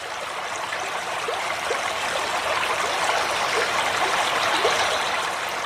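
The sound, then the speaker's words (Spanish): Steady water of the Pisuerga river flowing and babbling through its meanders as it crosses the Cerrato, a continuous rush with small gurgles and trickles scattered through, no voices. “Continuamos nuestro camino por los meandros del río Pisuerga, que en su sosegada madurez se recrea al cruzar por el cerrato.”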